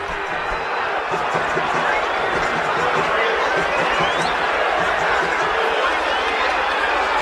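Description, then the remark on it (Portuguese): A large football stadium crowd at Vila Belmiro in Santos, Brazil, roars steadily at the end of a Santos versus Remo Copa do Brasil match, a dense, loud wash of thousands of voices shouting and jeering together without letup for the whole stretch. “Ouça a Vila Belmiro, pode subir o som da Vila.”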